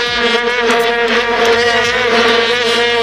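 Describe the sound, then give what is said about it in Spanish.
Vuvuzela plastic trumpets drone without pause in the stadium stands in Johannesburg on 11 July 2010, a loud, steady, many-layered buzz of overlapping pitches, like a swarm of bees, with no break and no talk. “Johannesburgo, 11 de julio de 2010, en las gradas un molesto, pero al que nos acabamos acostumbrando, zumbido permanente que provenía, seguro que lo recuerdan, de aquellas largas trompetas de plástico, las famosas bubucelas.”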